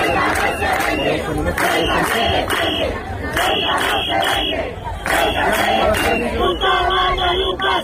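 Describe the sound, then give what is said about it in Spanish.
A large protest crowd in Ceuta shouts and chants loudly and continuously on a Saturday of protests, with rhythmic bursts of massed voices rising above a dense roar of many people yelling together. “Este sábado ha habido una nueva jornada de protestas.”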